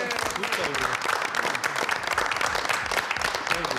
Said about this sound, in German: Schön. Applaus.